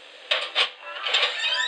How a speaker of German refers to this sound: Klopf, klopf.